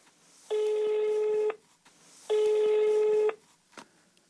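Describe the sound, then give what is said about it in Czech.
A landline telephone call to a small village near Oxford, Great Britain, rings out over the earpiece: two long, steady electronic ring tones about a second each, separated by a pause, fairly loud, with faint background noise between them. “V mailu píše, ať zkusíme pevnou linku, poněvadž bydlí, cituji, v malé vísce u Oxfordu, a máme tu nulový mobilový signál.”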